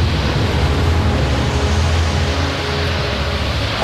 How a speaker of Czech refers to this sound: Takové vlnobití jsem si nedokázal ani ve snu představit, pane Hokici. A vítr sílí každým okamžikem.